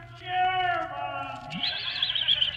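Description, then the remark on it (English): A horse whinnies once, loud, a long wavering neigh that starts full and drops, then breaks into a high, shaky trill before fading out. “Probably just the ghost of a dark horse looking for its stable.”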